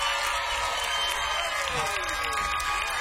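A crowd applauds steadily, a dense wash of many hands clapping with some cheering and voices mixed in, holding at a constant, fairly loud level for the whole stretch.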